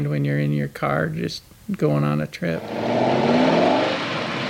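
A car engine revs in two loud bursts with short pauses between, then settles into a sustained roar as the vehicle pulls away and accelerates.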